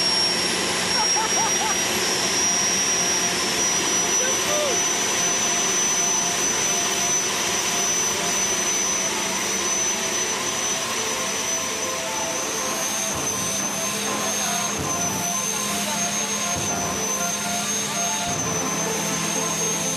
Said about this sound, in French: Oh le bruit, vous imaginez même pas le bruit que ça fait à l'intérieur de la voiture. Oh là là. Oh, on va décoller.